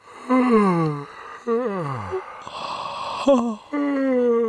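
A rapid series of drawn-out yawns, fairly loud, each a long voiced exhale sliding down in pitch, with one breathy, airy yawn in the middle and no talking.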